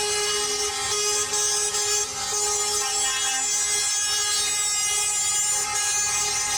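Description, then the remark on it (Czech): Loud, sustained truck air horns blare together in protest over haulage drivers being deported from the European Union after 90 days, a dense chorus of overlapping tones holding steady throughout, continuous with no talking. “Sirene sa kamiona ponovo su danas upozorile na problem prevoznika koji se iz Evropske unije deportuju nakon 90 dana.”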